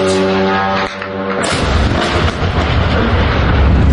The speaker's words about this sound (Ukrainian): А напередодні під звуки вибухів прокидалася Ленінградська область та Санкт-Петербург.